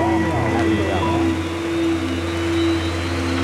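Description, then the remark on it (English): A steady, loud mechanical drone with a low hum and a sustained whining tone as the rotors and engines of military recon helicopters spin up at first light, continuous throughout. “With first light, the rotors of our recon choppers whirl to life.”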